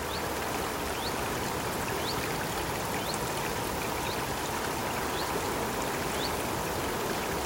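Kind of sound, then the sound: nature, babbling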